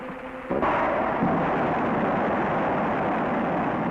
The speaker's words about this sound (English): Here at the Rocketdyne Propulsion Laboratory, in a blast-scarred valley of the Santa Susana Mountains, parts of the engine which will power Americans on their first voyage to the moon are about to be test-fired. Ignition start.